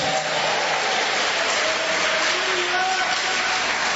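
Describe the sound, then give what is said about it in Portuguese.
A crowd claps steadily and densely for several seconds, applauding the Lord, a sustained wash of applause with voices calling out and cheering within it. “Pode aplaudir ao Senhor. Pode dar glória a Deus.”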